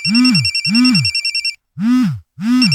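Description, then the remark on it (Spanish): A telephone rings in four short, loud bursts with brief gaps between them, each ring a buzzy, warbling tone with a high electronic trill over a lower hum, in an advertisement for Restaurante Meli Mar, an Ecuadorian restaurant. “Adefesios, ¿por qué no contestan? ¿Ah? ¿Qué no ves que Meli Mar te está llamando?”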